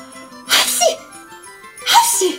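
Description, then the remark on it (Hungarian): A storyteller imitates sneezing: two loud, theatrical sneezes about a second and a half apart, each a sharp hissing burst, with a faint steady hum underneath. “De abban a szempillantásban eltüsszentette magát, akkorát tüsszentett, hogy a tyúkok ilyetten rebbentek meg a dudvaron.”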